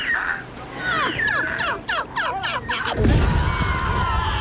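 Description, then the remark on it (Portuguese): A seagull squawks repeatedly in a rapid series of descending cries. Then the gull lands on a mined beach and sets off a landmine, whose sudden loud explosion bursts out and rumbles on, broad and heavy, with no speech. “Eu avisei, vai tudo pelos ares. É gaivotas, é banhistas, é homens dos lados, é tudo.”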